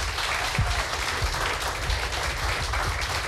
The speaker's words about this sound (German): Applaus bitte noch einmal für alle drei.